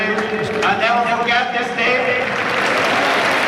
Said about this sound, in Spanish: Aplaude la gente.